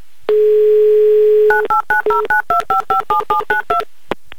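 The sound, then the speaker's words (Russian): A steady phone dial tone holds for about a second, then a quick run of roughly a dozen touch-tone keypad beeps dials the phone number of a man in Kostroma, clear, ending with a brief click. No voices. “Набран номер телефона Алексея. Дожидаемся гудков, и они пошли.”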